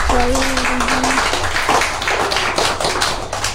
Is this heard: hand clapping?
yes